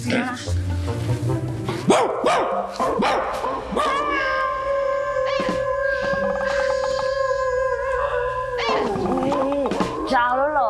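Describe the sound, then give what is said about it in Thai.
A person imitates a dog howling: after a few short vocal yelps, one long, steady, wavering howl is held for several seconds, fairly loud, before sliding down and trailing off. “นี่นี่ฉันว่าไม่ใช่เพราะฉันหอนไม่เหมือนหรอกพี่แกนหูเพี้ยน โอ้ย เหมือนผีอ่ะ”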